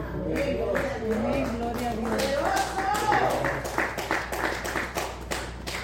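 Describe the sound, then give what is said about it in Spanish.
A church audience applauds steadily as praise to God, a dense patter of many hands clapping throughout, with raised voices calling out over the first half before the clapping carries on alone. “Hermano, cuando ustedes es algo que yo tengo, cuando ustedes un aplauso, acompáñenlo de una alabanza, por favor.”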